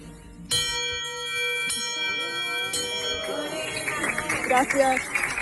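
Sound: bell rung three times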